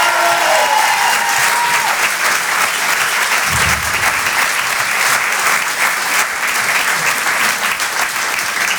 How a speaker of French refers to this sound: en direct de la Pomme Théâtre sur Rire et Chanson. Monsieur Edgar Yves, on peut l'applaudir encore une fois très fort.